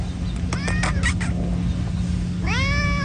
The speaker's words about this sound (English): Well, I began here with Canuck Place about 4 years ago, and I was doing some outdoor work, and this cat just came running out of the bushes up to me.